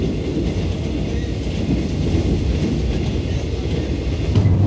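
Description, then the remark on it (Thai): A train rumbles steadily along railway tracks, a loud continuous low roar with faint rhythmic clatter, sustained throughout without any voices. “การก่อสร้างทางรถไฟสำเร็จไปด้วยดีหลังจากนั้นเส้นทางรถไฟสายต่างๆก็ได้สร้างผ่านป่าดงพญาเย็นเพิ่มอีกหลายสาย”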